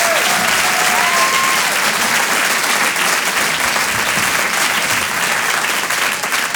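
A crowd claps loudly and steadily, a dense wash of applause that holds at full strength throughout, with a couple of brief high whistles near the start.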